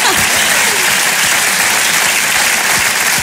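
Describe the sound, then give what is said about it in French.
Sustained applause from a crowd, many hands clapping densely and evenly at a steady, fairly loud level throughout, with no break or lull. “applaudir ça, bien sûr.”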